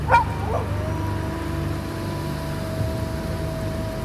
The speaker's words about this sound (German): Ein Wolf? Verschwinde! Wir taugen nicht zur Mahlzeit. Ich bin viel zu zäh und mein Pferd bekommst du nicht.